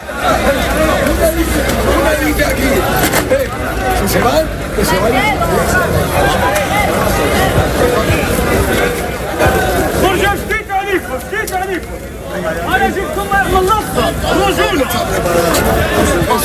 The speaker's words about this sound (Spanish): durante la tarde ha habido en algún momento tumulto, es decir, gritos, intentos de empujar